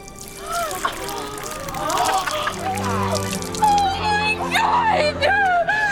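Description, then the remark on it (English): Chocolate milk sloshes and splashes as a woman pours the drink onto another woman's head after taking out the straw and dropping it, with a few drips, while voices gasp and laugh over it. “She takes the straw out of the chocolate milk and drops it, then pours the drink on …'s head.”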